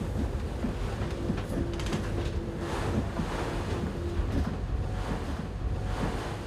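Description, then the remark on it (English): A boat picks up speed and heads into the waves of rough ocean water, with a steady roar of wind and crashing spray over a low engine drone and rhythmic thuds as the hull hits the waves. “It's going to be a bit rough, because we're picking up speed and heading into the waves.”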